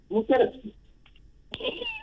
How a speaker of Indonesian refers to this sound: Ui, yulah, samulah bunyi. Kedengar kucing tu.